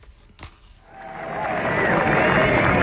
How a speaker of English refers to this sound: I can tell from your applause he needs no further introduction.